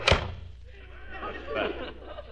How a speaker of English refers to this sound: He offered it to us. Close that cash register drawer. Okay.